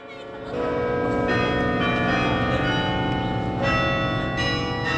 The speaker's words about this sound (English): At Yale's campus in New Haven, Connecticut, the bells rang every lunchtime.